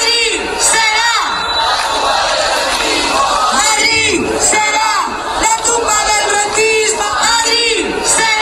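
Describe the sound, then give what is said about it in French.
A large crowd of protesters in Madrid, around the Puerta del Sol, chants the slogan "Madrid will be the tomb of the rentiers" at full voice, loud, with many overlapping shouting voices rising and falling in rhythmic waves throughout. “Alors que cette réforme a été rejetée par la majorité des députés, les protestataires sont omniprésents autour de la Puerta del Sol, de la place de Cibeles ou encore de la place d'Espagne où on peut entendre ce slogan crié à plein poumon.”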